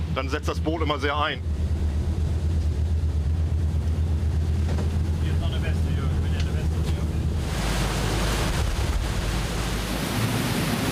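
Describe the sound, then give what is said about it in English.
Steady wind buffets the microphone over a deep rumble of open sea on the Ems River, recorded aboard a pilot boat approaching a ship with the waves at its stern, with a brief voice-like sound at the start and a louder rush of surf and spray building toward the end. “Our pilot is approaching it with the waves at our stern.”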